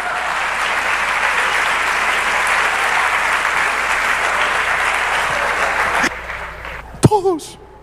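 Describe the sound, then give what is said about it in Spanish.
Sustained audience applause, a dense, steady wash of clapping for about six seconds that cuts off abruptly, followed by a brief burst of a voice. “Eso merece un aplauso, por favor.”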